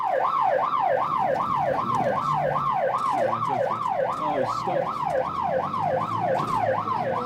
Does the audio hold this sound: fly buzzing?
no